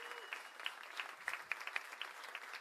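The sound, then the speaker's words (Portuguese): A crowd at an orchestra performance applauds steadily for one of the orchestra's founders, many hands clapping together in a dense, continuous patter at moderate volume. “uma salva de palmas para a nossa querida”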